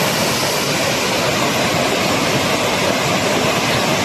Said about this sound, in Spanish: Así suena el río Besós, que baja con mucha fuerza hasta ahora. De hecho, la alerta hidrográfica es extrema. En las imágenes se aprecia el enorme caudal que está descargando.